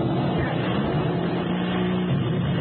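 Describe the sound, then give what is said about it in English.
A fighter plane engine, hit by an enemy fighter and on fire, roars loudly and steadily, a continuous rough, droning growl that holds without a break and with no one speaking over it. “He hit our engine. On fire, lousy.”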